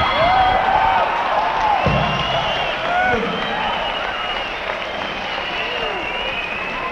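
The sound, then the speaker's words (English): A loud crowd roars and cheers, with rising and falling shrieks and whoops from boys in the audience piercing through steady clapping and hubbub, sustained throughout and fading slightly toward the end. “All you girls in the audience to notice that the boys that are screaming out, we notice the girls don't usually scream out, but the boys that are screaming out, when they want to be entertained that fast, stay away from them.”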